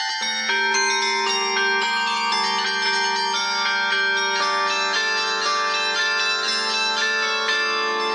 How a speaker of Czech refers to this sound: Dvanáctitunová zvonohra je pevně umístěná na žlutém kamionu a karilonér ovládá klaviaturu, která je mechanicky, tedy bez elektroniky nebo zesilovačů, propojená se srdci zvonů. Těch je 57 a nejtěžší váží 860 kg.